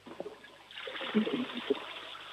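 A toilet flushes: after a brief quiet moment, a steady rush of water swells up and continues with some gurgling splashes, fairly close but not loud.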